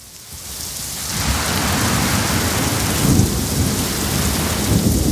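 A heavy thunderstorm: dense, steady rain hisses throughout while deep thunder rumbles build and swell, with a stronger roll around the middle. No voices are heard.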